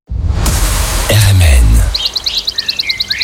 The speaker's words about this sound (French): Vous avez entendu ? Même les oiseaux font circuler la nouvelle.